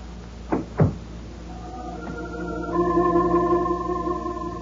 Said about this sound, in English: The door closed, and I was alone.